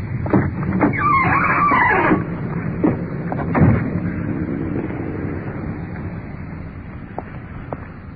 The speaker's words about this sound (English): Trailer court off on the left. Actually, just a couple of hundred yards from the motel. The uniformed car is pulling up in front with a suspect.